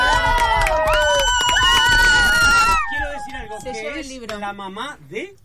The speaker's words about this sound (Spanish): ¡Bravo, un aplauso! ¡Bravo!